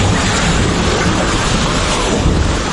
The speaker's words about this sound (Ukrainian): І що могло спричинити таку величезну повінь? 10 секунд або мить. І хвиля повністю змітає усе на своєму шляху. Ті, хто опинився в епіцентрі, врятуватися не мали жодного шансу.